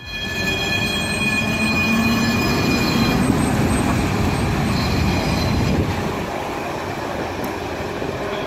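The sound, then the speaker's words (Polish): A line 46 tram sets off on its symbolic last journey from Łódź to Ozorków before the service was suspended on 4 February 2018. It rolls along its rails with a steady rumble, thin high-pitched wheel squeals ringing over the noise throughout, and no voices. “Tak brzmiał początek symbolicznej ostatniej podróży tramwaju linii 46 przed zawieszeniem.”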